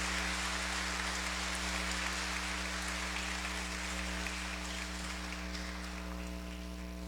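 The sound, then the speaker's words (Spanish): An audience applauds Jesus Christ in a steady, dense wash of clapping that holds at an even level for about seven seconds, with a low electrical hum beneath it and no voices. “Démosle un fuerte aplauso a nuestro Señor Jesucristo.”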